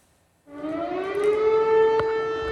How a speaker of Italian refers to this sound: Gli abitanti di Trnava Kolonia vengono svegliati dalle sirene in piena notte. L'allarme nella provincia di Lublino, Polonia orientale, scatta dopo che è stato rilevato un oggetto non identificato.